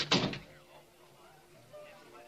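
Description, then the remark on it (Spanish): A door shuts with a single short, solid thump right at the start, followed by quiet ambience with faint voices in the background. “Cierra la puerta, hombre.”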